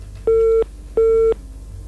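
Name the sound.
busy tone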